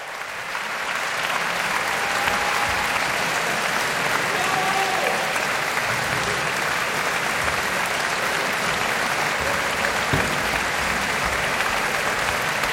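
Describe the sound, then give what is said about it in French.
Warm, sustained applause from a large concert audience in the auditorium of the Maison de la Radio et de la Musique, broadcast live, after the Orchestre National de France, conducted by Frank Strobel, performed Prokofiev's Alexander Nevsky. A dense steady clatter of many hands clapping at an even loudness throughout, with a few faint whistles or cheers mixed in. “Et les applaudissements sont chaleureux, c'est le public de la maison de la radio et de la musique qu'on entend.”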